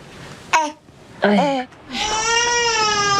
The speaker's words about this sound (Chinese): 哎，宝宝，你哭啥呢？哎呀，是不是宝宝又饿了呀？ 饿了呀！哎，不不，好了好了，不哭不哭，好了， 哭成这样。 好了好了，不哭不哭不哭。哎呦，好了，知道你饿了啊。好宝宝